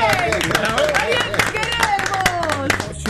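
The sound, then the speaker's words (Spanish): A small group claps steadily for a few seconds, applauding the number one spot in a ranking, a dense patter of hand claps while voices talk and exclaim over the applause. “Hay que aplaudirlo antes que no. Hay que aplaudir.”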